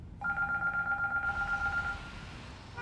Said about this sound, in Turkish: Şu telefona bakabilir mi biri?